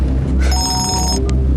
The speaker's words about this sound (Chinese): 你电话， 赶快接电话。